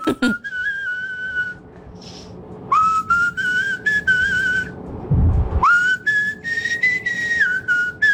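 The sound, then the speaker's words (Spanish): Someone whistles a simple tune in three sustained phrases separated by short pauses, the pitch sliding and wavering slightly, with no talking over it. “No otra tonalidad, pero de que silbás, silbás.”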